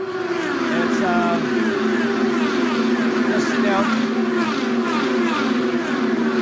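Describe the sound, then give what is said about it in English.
Bobby Rahal's race car engine drones steadily for several seconds on a 2.5-mile oval track, its pitch holding fairly even with slight rises, with faint muffled voices in the background. “He's now back out on the 2.5 mile oval.”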